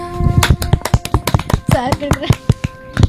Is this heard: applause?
yes